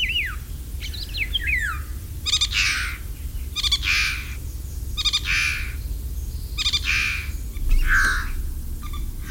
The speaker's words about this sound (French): Un oiseau migrateur qui chante, qui a un chant très spectaculaire et qui vient d'Afrique tropicale, même équatoriale, c'est le loriot d'Europe.